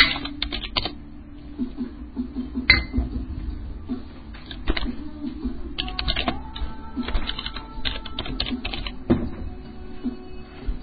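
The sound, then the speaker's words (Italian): Steady clicking of keys on an Austrian computer keyboard, with irregular bursts of fast typing and a few sharper, louder keystrokes, continuous over a low background hum. “Finché non mi dite che non c'è sulla tastiera. Cazzo di tastiere austriache.”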